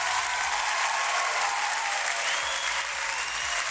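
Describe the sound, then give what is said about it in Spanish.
An audience claps steadily for a few seconds, a dense, even patter of many hands at a fairly loud, constant level with no voices over it. “Un aplauso y pues.”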